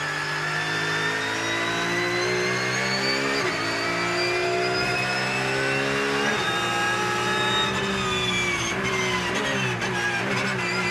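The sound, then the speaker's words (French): A race car with a lot of aero revs hard and continuously on the fast Dijon circuit, its pitch climbing steadily, dropping briefly at gear changes around three and six seconds, then rising again. Loud throughout, with no voices. “c'est une voiture qui a beaucoup d'aéro. Surtout sur un circuit rapide comme Dijon.”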